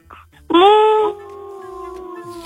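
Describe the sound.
A voice imitates a wolf howl: one long, sustained tone that swoops up, bursts out loud, then holds steady at a softer level for about two seconds.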